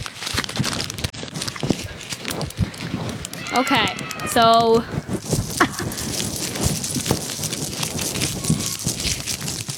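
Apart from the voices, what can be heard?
paper being ripped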